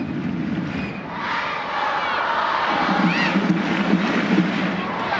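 A large stadium crowd in Utah roars and chants steadily, urging on the home side during a soccer match against Angel City in the 77th minute, a dense wall of voices with shouts and whistles rising above it, building slightly in intensity partway through.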